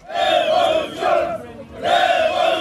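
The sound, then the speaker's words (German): A crowd of protesters at a street demonstration in Tirana, the Albanian capital, chants and shouts in unison, two loud sustained bursts of voices with a short lull between them, like a rhythmic rallying cry. “Seit rund 40 Tagen wird in der albanischen Hauptstadt Tirana demonstriert.”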